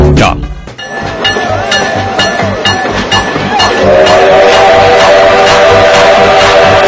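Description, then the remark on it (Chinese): A train rolls past with a steady, rhythmic clatter of wheels over rail joints, then a sustained whistle blares in over the rumble and holds to the end, loud. “你看这不，到了第三趴的时候，我们就开始跑火车了。各位旅客，大家好，感谢搭乘本次列车。”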